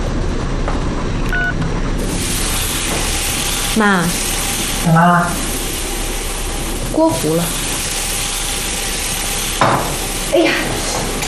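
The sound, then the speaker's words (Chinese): Fish sizzles loudly and steadily in a hot pan as it burns, a continuous crackling hiss throughout, with a few short voiced exclamations breaking in over the frying. “锅糊了。 哎呀，鱼糊了。”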